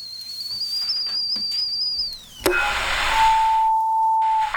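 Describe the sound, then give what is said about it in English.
A kettle boiling for a cup of tea gives a shrill, high whistle that holds steady and loud for about two seconds, then drops away into a rush of hiss and a lower, steady tone. No one speaks. “The kettle's on.”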